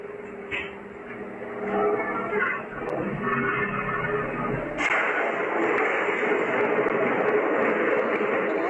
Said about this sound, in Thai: แล้วมันจังหวะโอ้โหน้องตัวเล็กกำลังเดินเข้าไปแล้วพัดลมมันระเบิดตรงหน้าเลยค่ะ